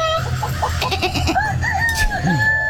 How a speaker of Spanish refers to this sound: Callen los gallos. Sí, callen los gallos.